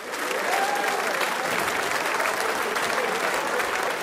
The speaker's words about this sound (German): Nach schönen Damen kommen schöne Herren. Applaus für die Gottauer Stummhocker.